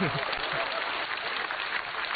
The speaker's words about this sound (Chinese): 可以鼓掌。